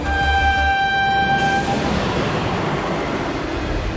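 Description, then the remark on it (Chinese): A train sounds its horn in a sustained blast that fades out, leaving the loud, steady roar of the passenger train rolling along the rails, bound for Wuhan in Hubei Province, China. No one speaks. “追捕劫匪的民警经过信息研判，得知两名嫌疑人正在赶往湖北省武汉市的列车上。”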